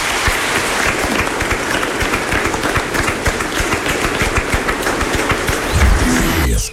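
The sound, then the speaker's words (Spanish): A crowd bursts into loud, sustained applause at the end of a Mass on the feast of Saints Peter and Paul, a dense wash of rapid clapping that holds steady for several seconds before cutting off abruptly at the end. “¡Un aplauso para ellos!”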